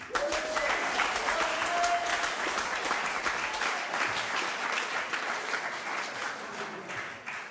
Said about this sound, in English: Everyone, please, a round of applause